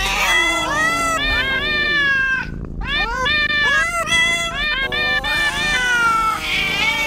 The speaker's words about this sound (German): Also Katzen miauen jetzt einen Cat's Eye Song und ihr müsst uns sagen, welcher das ist.